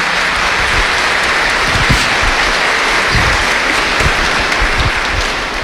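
A steady round of applause from many people, dense and loud throughout, with hand claps blending into a continuous wash of sound and no voices standing out.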